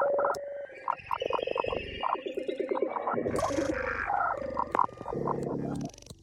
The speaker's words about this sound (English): it is challenging to determine whether the audio we hear is a recording of an actual pigeon or of a human imitating